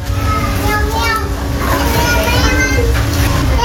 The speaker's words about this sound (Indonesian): 9 balita berlarian di halaman sebuah rumah bercat putih di kawasan Ulak Karang Utara, Kota Padang. Tawa mereka memecah suasana sore.